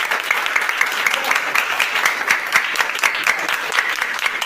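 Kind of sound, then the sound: crowd, round of applause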